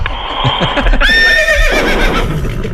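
A horse whinnies loudly, a shrill quavering neigh that rises then trails off in a shaky, descending whinny, with faint background noise and no talking.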